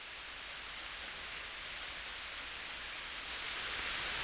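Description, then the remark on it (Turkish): Heavy rain pours down in a steady, dense hiss that stays constant throughout, a continuous wash of drops with no voices or other sounds. “Deli gibi yağmur yağıyor. Sanki biri gökten kovayla su boşaltıyor”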